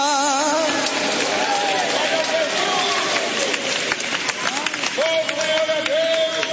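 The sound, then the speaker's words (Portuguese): An audience raising and shaking their hands shouts a cry of glory all at once, many overlapping voices crying out loudly with some long, sustained calls rising above the din, along with scattered claps and rustling throughout. “Se você crê nisso, levanta a mão, chacoalhe ela e dê um grito de glória.”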